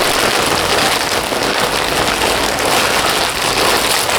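Paper or a plastic bag being crinkled without pause, a dense, bright crackling that stays steady and fairly loud for several seconds, with no voices.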